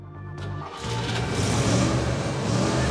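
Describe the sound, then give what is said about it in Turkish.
A car engine, a car rated at 300 horsepower from the factory, idles with a steady low rumble after its ignition system was renewed and its timing set by turning the distributor, then briefly catches and surges at about three-quarters of a second into a louder, rougher, fuller revving drone that holds steady to the end. “Şimdiden daha iyi olduğunu duyabiliyorsunuz.”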